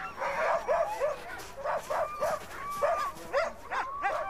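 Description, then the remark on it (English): A pack of sled dogs pulling a dog sled, the traditional Inuit mode of transport, barks and yips excitedly, with overlapping calls coming in quick, irregular bursts, some rising into high whines. “Local dog sledder Akaru has offered to take us to a vantage point”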